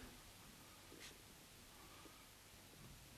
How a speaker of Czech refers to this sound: Je to pouhý roztok taninu ve vodě. Pane notáři, půjčte mi laskavě ten papír. Ano, děkuji. A teď se dobře dívejte, pánové. Přetřu papír tímto roztokem.